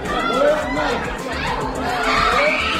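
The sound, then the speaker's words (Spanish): Anguished screams and wails from the family of a 3-year-old boy killed in an Israeli attack on the Gaza Strip, near a bakery; many voices overlap in a loud, continuous outcry, with high rising cries breaking above the crowd over almost three seconds. “Son los gritos de la familia de un niño de 3 años al que Israel ha matado en su último ataque contra la franja.”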